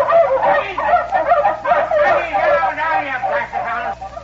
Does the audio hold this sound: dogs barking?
yes